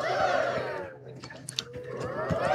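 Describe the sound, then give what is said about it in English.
A large outdoor golf gallery crowd at the first tee murmurs and chatters steadily as a player prepares to hit her driver, fading briefly in the middle with a few sharp clicks before the hubbub swells again. “You can hear the crowd.”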